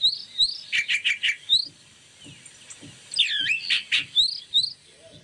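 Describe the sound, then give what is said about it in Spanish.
A recording of a calandria (mockingbird) played in a car sings a rapid, varied song of bright whistled phrases and trills in two bursts separated by a brief pause, clear, with no voices. “No, no, íbamos en el auto escuchando a la Calandria, escucha.”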